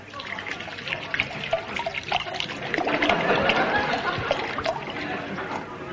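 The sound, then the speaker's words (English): A man pours himself brandy from a bottle into a glass, a steady gurgling trickle that swells and splashes more heavily midway before easing off toward the end. “This time, just give me the bottle. I'll pour it myself.”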